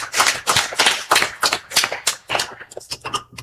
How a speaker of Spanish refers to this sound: Fuertes aplauso a nuestro Dios hoy en esta tarde.